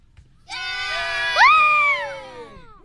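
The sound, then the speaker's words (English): A small group cheers and whoops together for about two seconds, voices swelling to a high-pitched shout before trailing off. Fairly loud, with no speech. “We're here with a bit of a crowd, guys. Make a little bit of noise.”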